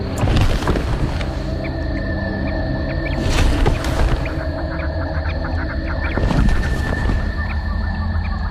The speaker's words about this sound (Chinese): 现在是蝙蝠离开隧道捕猎的时间，眼镜蛇可能又扑了个空。